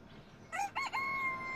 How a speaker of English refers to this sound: Yes, chicken.